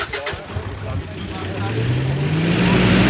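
A truck carrying a large white container full of fish accelerates as it drives off on a short trip to a river, its low droning pitch climbing steadily while road and wind noise swell louder over a few seconds.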